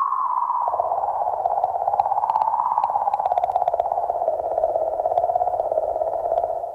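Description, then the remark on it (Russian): A sonified comet emission: a steady, wavering mid-pitched tone over a rapid low rattling chirr, like a dolphin's chatter, with scattered faint high clicks, holding even loudness throughout with no voices. “У одной из комет, по-моему, Чурюмова Герасименко, тоже был весьма специфический, очень интересный звук, который позволил лучше понять, как этот объект себя ведет.”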